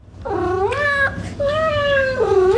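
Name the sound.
cat caterwauling and meowing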